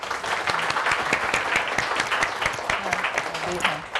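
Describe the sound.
Steady audience applause, a dense crackle of many hands clapping at an even level for about four seconds, with faint voices murmuring underneath.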